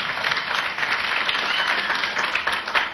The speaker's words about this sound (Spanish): Amén. Damos fuertes palmas.